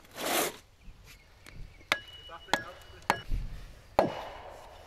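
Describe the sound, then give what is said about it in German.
An axe chops into wood with four sharp, cracking blows at a steady, unhurried pace, each with a brief ringing tail, preceded by a short rustling whoosh. “Jahrhunderte benutzten die Waldarbeiter ausschließlich die Axt.”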